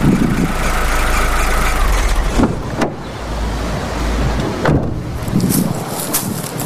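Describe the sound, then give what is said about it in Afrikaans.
A car engine idles with a steady low rumble and broad hiss, interrupted by a few sharp clunks, then the rumble eases and the noise grows thinner toward the end. “Ek moet ou maak wees, lyk soos die type kar wat hy sal ry.”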